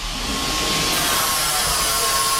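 A steady, loud rushing whoosh with a faint constant whine, like an elevator car moving fast up a shaft; no voices, and the noise holds unbroken throughout.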